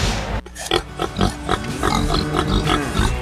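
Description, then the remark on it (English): Pigs on a farm in Middletown, Missouri oink and grunt in a steady series of short, snorty bursts, fairly loud, with a low rumbling background underneath and no talking. “Every day, we raise pigs using resources wisely, protecting our water and caring for the land we call home.”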